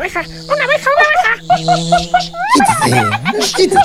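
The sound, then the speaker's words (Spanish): A bee on a thistle buzzes loudly, a steady droning hum broken by rapid pulsing bursts and rising, warbling swoops, continuing for a few seconds. “máteme aquella abeja ruidosa que hay en aquel cardo”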